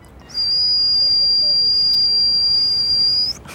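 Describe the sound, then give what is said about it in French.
A young accordionist imitates a pressure cooker whistle with his mouth: one steady, piercing high-pitched tone held for about three seconds over a noisy hiss, then cut off abruptly. No talking. “Un jour, un son est sorti de ma bouche, ça ressemblait à une cocotte minute.”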